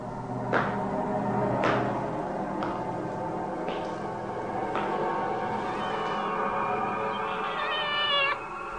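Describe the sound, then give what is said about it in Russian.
A cat shut in somewhere meows over and over, drawn-out wailing calls with a few sharp knocks between them, a longer rising cry near the end, steady in loudness, no voices. “Где-то кота закрыли.”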